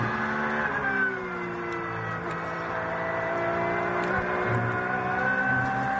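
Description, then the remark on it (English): A race car engine, the number 5 car on a circuit, drones steadily and loudly, its pitch sweeping up and down as it revs and shifts, with a rough, buzzing whine holding throughout and no voices. “He is not in that car, it's the number 5 car, is it not?”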